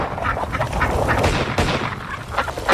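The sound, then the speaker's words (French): A dense flock of ducks quacks continuously and loudly while someone shoots at them, with a sharp gunshot cracking through the din partway in and another burst near the end. No one speaks. “D'après vous, combien de canards je peux descendre en 30 secondes?”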